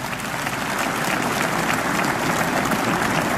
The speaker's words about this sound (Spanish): Bendito sea Dios. Démele un aplauso a esa palabra de Dios.